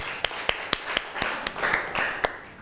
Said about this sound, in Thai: เราลองมารับฟังนะคะการนำเสนอผลงานหรือผลการทำกิจกรรมของกลุ่มที่5เลยค่ะเอาปรบมือให้เพื่อนของเราหน่อยค่ะ